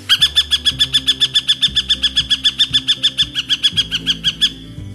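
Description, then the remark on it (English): A northern harrier gives a long, rapid series of sharp, evenly spaced chattering calls, about five per second, loud, with no voices. “The northern harrier is not considered to be a vocal bird, usually only sounding off during mating season or when a predator is raiding a nest.”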